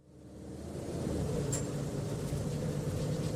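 A steady, deep rumble of bus wheels thudding on pavement as a bus rolls along, fading in over the first second and then holding a dense, continuous low drone with no voices.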